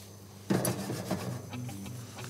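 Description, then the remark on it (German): A knife cuts lemon slices on a cutting board for frying in oil with fish, a few crisp slicing strokes with a light tap against the board, then quieter kitchen noise. “Soll ich dir Zitronenscheiben schneiden?”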